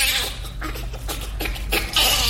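A bonobo laughs in a rapid series of breathy, high-pitched squeals and pants, coming in rhythmic bursts that grow louder toward the end, with no people talking.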